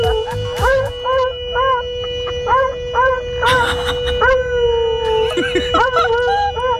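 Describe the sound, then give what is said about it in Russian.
A car horn blares in one steady unbroken tone while a dog shut inside the car, sitting at the steering wheel and pressing the horn, howls over it in a rapid series of short, rising, whining cries, loud. In a parking lot in Bryansk. “Мужчина шел по парковке и увидел, что за рулем сидит собака, натурально нажимает на клаксон и воет.”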